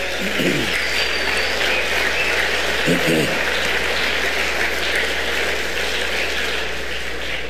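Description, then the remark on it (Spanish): A church audience applauds God in a steady, dense wash of clapping that holds at an even loudness throughout, with a few brief voices rising above it. “Denle un aplauso a Dios, el Señor.”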